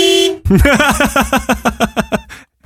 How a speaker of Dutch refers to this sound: Dus beeld je in een stevige vent in een zware pick-up truck. En dan tutert hij en dan hoor je dit.